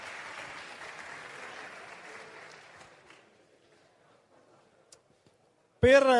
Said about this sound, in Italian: è anche lui un grandissimo sindaco di Forza Italia, neoletto sindaco di Reggio Calabria con il 65% e anche da poco confermato segretario regionale di Forza Italia in Calabria, Francesco Cannizzara, a cui chiediamo un grandissimo applauso.